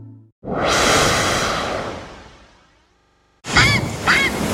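A long rushing whoosh swells and fades, then a grey heron, Alfons of the Reederei Röding shipping company, gives two loud, harsh croaking calls.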